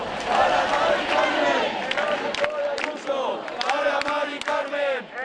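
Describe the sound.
A large protest crowd in the streets of Barcelona, Spain, demanding stronger tenant protections and a ban on evictions, shouts and chants together in a steady, dense roar, with sharp claps and bursts of noise scattered throughout, loud and continuous for the whole stretch.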